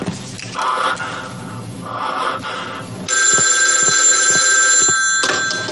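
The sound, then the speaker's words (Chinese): An old-style telephone bell rings loudly, first in short bursts, then as a steady, continuous metallic trill that carries on to the end, as a call is put through to the Juntong Guiyang station, with no one talking. “我，好啊，好啊，张副官，那你把电话快接上吧。”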